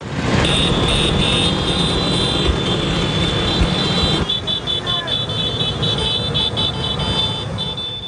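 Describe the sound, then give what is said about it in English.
A dense, continuous buzz of many Vespa scooter engines, over 10,000 swerving through the streets of Rome for the Vespa's 80th anniversary, passing on a busy street, loud throughout, with horn toots and crowd voices mixed in. “Organizers say over 10,000 Vespas are swerving through the ancient Roman streets.”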